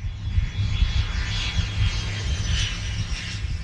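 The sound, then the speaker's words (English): A steady, loud aircraft engine roar with a deep rumbling low end and airy hiss above, sustained throughout as a plane takes off at the airport in Santa Monica; no voices. “Planes have been taking off here for more than a century.”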